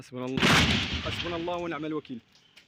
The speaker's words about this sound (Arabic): رداً على ذلك، فقد دفع الجيش بتعزيزات عسكرية إلى بلدتي كفرية والفوعة، حيث جرت عمليات التمشيط وسط أصوات إطلاق نار متقطع في خطوة وصفتها المصادر بأنها محاولة لفرض سلطة القانون.